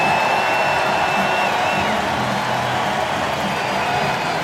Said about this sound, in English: A standing ovation for their superstar hurler, Jacob Mizorowski. His night is done after 6 1/3 and giving up just the one run.